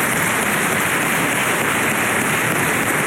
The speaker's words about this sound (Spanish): Y como lo señalé, el expresidente Piñera lo dijo y lo resumió en una frase que vale la pena, y damos un aplauso también al presidente Piñera, en paz descanse.